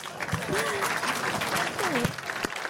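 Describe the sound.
Steady, dense clapping from a small group fills the whole stretch, with a couple of voices briefly calling or cheering over the applause.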